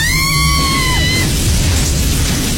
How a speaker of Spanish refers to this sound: Un fuerte relámpago sacude el lugar.